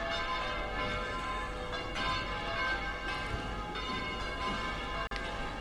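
Cathedral bells peal continuously in a dense, ringing wash of overlapping strikes, steady and loud throughout, with no voices heard, as a procession's Sagrada Custodia comes out down the cathedral ramp.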